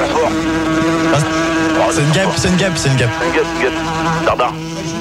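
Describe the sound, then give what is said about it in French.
A steady, droning buzz of a fly circling, humming continuously under several people talking over each other. “une mouche. Elle revient, ferme la porte.”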